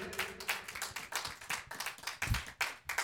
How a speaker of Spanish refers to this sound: Dele palmas al Señor fuerte.